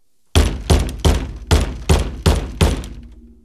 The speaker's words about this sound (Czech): Jednou jsem dokonce od ní dostal po hlavě umělohmotným škopkem, kterým jsem měl podloženy nohy. Znělo to zhruba takto.